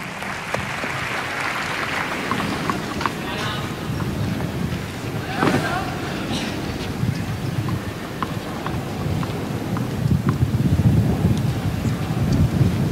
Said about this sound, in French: Vous entendez hein, les rafales de vent. C'est compliqué aussi pour Zabalenka par rapport à la présentation de sa balle, parce qu'elle présente la balle très très haut.